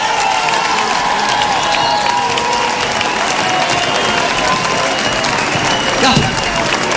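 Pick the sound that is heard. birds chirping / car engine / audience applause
audience applause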